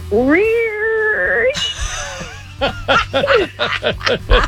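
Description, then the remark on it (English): A phone-in caller imitates a Hot Wheels toy race car with a rising, buzzy, revving tone that holds steady, then breaks into a breathy rush followed by several short bursts of laughter. “I could not make a Hot Wheel sound.”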